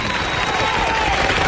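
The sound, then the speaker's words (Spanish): Steady applause from a crowd, dense and fairly loud throughout, with a faint sustained tone running underneath the clapping. “Fuerte el aplauso”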